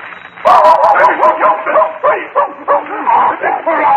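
A dog barks and yips in a loud, almost continuous run of yowling, whiny vocal bursts that rise and fall for several seconds without pause.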